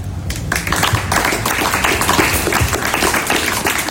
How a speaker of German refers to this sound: Es gab großen Applaus bei dem Fest gestern.